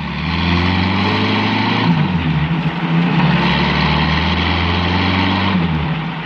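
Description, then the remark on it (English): A heavy truck engine drones steadily, tearing along a main highway at 70, loud, with a deep low rumble and broad road noise holding constant for several seconds, no voices. “The truck rode down Burr Street, switched off to the main highway, and tore along doing 70.”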